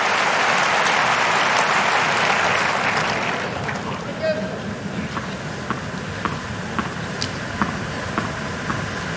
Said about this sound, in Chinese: 现场观众也都在给申纳加油。